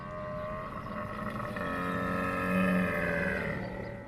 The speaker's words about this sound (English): Camel. This is a camel. Camel. What does a camel say?